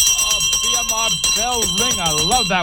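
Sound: bell ringing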